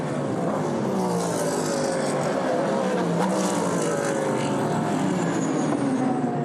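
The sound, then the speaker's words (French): A dense roar of several racing car engines going by at once, including a Ferrari passing on the right, on the outside, their high whining tones sliding up and down in pitch as they pass, loud and steady throughout. “Et du coup, regardez la Ferrari qui est passée à droite à l'extérieur, puis à gauche.”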